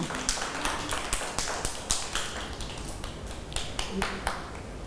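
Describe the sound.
A group of children clapping, with rapid, uneven claps overlapping into a steady patter for about five seconds, with some faint voices mixed in.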